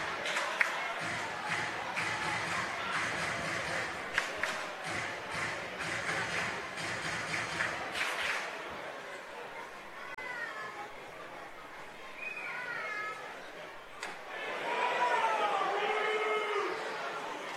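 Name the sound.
baseball crowd booing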